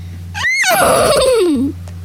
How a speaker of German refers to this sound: Psst, sei mal leise. Wieherte es plötzlich. Hast du das gehört?